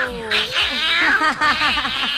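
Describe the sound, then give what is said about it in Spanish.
A person imitates a cat, making a quick run of short, high, arching meow-like cries, some of the sounds blending into something close to laughter. “Va a ser un tema para la banda del gato. ¡El gato!”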